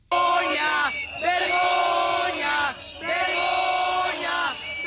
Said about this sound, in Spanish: Además, también hubo tensión dentro de la Consellería con cargas y el desalojo de los concentrados que gritaban.